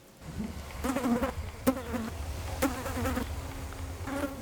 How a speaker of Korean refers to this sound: 며칠간 이어지는 이명이라고 생각했는데 발끝에서 파리가 맴돌았다.